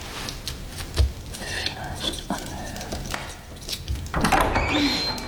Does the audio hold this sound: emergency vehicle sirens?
no